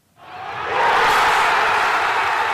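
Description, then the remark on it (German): In the evening in central Buenos Aires, Argentina, around the Obelisk, hundreds of thousands of football fans erupt into a roar of cheering at the final whistle of a 2:1 win that puts the defending world champion into the final. The roar swells within the first second and holds loud and steady, a dense wash of voices with no single speaker standing out. “Und das hat am Abend in Argentiniens Hauptstadt Buenos Aires für endlosen Jubel gesorgt, wie unser Korrespondent Oliver Neuroth berichtet.”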